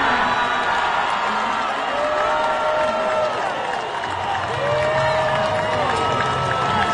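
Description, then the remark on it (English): A loud, steady roar from an arena crowd cheering and applauding as Darius Acuff is picked at number 7 in the draft. The crowd stands and applauds, with rising whoops and shouted voices cutting through the din for the full seven seconds. “And this is what it sounded like in the arena.”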